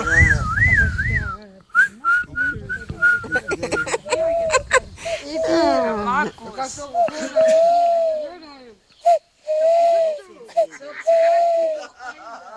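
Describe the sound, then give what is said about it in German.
Someone whistles, imitating bird calls, said to sound like an owl: a string of short warbling and sliding phrases with brief pauses between them, mixed with some breathy vocal sounds. “Das hat sich echt angehört wie eine Eule jetzt.”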